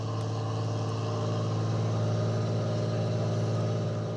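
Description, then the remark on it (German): The engines of about a dozen fishing boats heading out at night to haul in squid nets fixed near the coast drone steadily, humming continuously at a constant pitch, loud, with a low throbbing rumble and no voices. “Ein knappes Dutzend Boote fährt aus, um die Netze, die nahe der Küste fixiert sind, einzuholen.”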